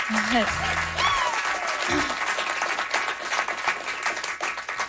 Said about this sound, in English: Nice little round of applause for them.